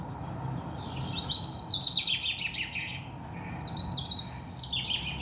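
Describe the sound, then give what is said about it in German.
Two bursts of shrill, high-pitched recorded birdsong played in an apartment to mask traffic noise, the trilling phrases rising clearly above a constant low rumble of traffic. “Ich habe herausgefunden, je schriller ein Vogelgesang, desto besser überdeckt es.”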